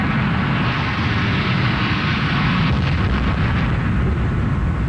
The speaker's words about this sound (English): I saw it hanging there, and I thought 1,000 different things in the second before it hit. And then I realized it was going to hit, and I thought all this, it must have been a nanosecond, and then there was just a huge, huge orange explosion.